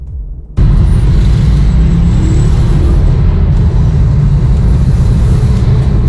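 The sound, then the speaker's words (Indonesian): Heavy traffic rumbles steadily and loudly, a dense wash of idling and crawling vehicle engines jammed on the Terusan Sulfat bridge around 5:15, with fire engines and ambulances at the scene, starting abruptly and continuing without a break; no one speaks. “Dan untuk lalu lintas juga masih padat, itu tambahan informasi dari Pak Aditya sekitar jam 5:15 tadi.”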